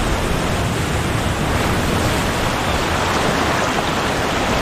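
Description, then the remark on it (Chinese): Winter ocean waves surge over and flood the shoreline in a loud, steady roar of churning water, with no distinct individual crashes and no voices. “冬季的海浪淹没了海岸线，海水带来了营养丰富的食物。”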